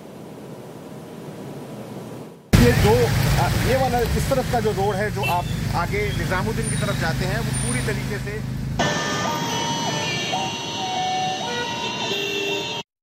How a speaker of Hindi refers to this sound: लेकिन बहुत ही कम गाड़ियां उसमें से जा पाती हैं, क्योंकि जाहिर है बहुत ज़्यादा ट्रैफिक है सड़क पर। ये ऑफिस आवर्स हैं और ऑफिस आवर्स की वजह से लोगों को खासी परेशानी हो रही है।